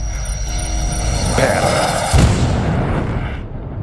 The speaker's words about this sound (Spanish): ¿Cómo sobrevivió a la explosión?